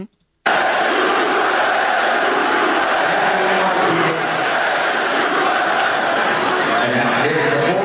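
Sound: crowd chanting USA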